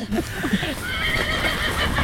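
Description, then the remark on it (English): A horse in a barn at Amethyst Farm whinnies in a long, wavering, high-pitched call lasting about two seconds, fairly loud, with a few soft hoof clops and a bit of barn noise underneath. “They know we're coming. They can hear us coming.”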